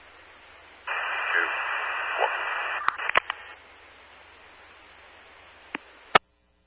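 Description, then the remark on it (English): A burst of heavy radio static hisses for about two seconds over a faint background hum, followed by several sharp clicks and pops as the transmission cuts in and out. “Again, heavy static, 1-6.”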